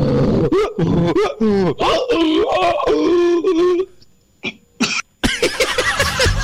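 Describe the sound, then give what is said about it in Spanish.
A person imitating a donkey brays in strained, wavering bursts, then breaks into a series of harsh coughs that keep coming in a rough, uneven fit. “Le agarró hasta la tos al burro, madre mía.”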